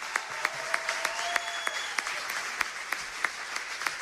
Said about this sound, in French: On peut les applaudir très fort, s'il vous plaît.